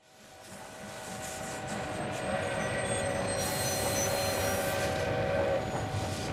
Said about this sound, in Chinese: 20世纪初，一辆火车从长辛店火车站驶出。